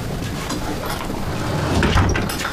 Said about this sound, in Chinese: 关门。